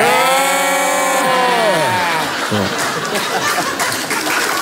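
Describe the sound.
Two voices imitate sheep bleating together in long, wavering, nasal bleats that slide downward, followed by a burst of chuckling and noisy laughter.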